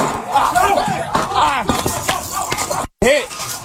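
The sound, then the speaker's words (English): A rapid burst of sharp, loud gunshots as a suspect fires multiple rounds at short range at sheriff's deputies while a SWAT team breaks down his door in Spring Hill, Hernando County; several bangs in quick irregular succession mixed with heavy door-breaching impacts, body-cam audio, voices shouting urgently throughout. “allegedly fired multiple rounds at the deputies at short range”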